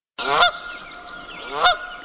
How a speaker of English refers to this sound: That's the sound of a Canadian goose. They're plentiful now, but a few decades ago, they teetered on the brink of extinction.